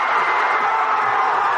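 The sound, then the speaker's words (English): A large stadium crowd of soccer fans in Mexico City cheering as their team shuts out Ecuador 2-0 in the World Cup, in a steady, dense roar that holds at an even loudness throughout, with no distinct voices standing out. “Fans in Mexico City had a lot to cheer about as their team shut out Ecuador 2-0 to advance to the round of 16 in the World Cup.”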